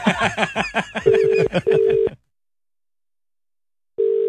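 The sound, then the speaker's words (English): A quick run of telephone dialing tones, then a steady ringing tone in two short bursts, a pause of silence, and the ring starting again. “Now, Cat, do you want to call the person who's...”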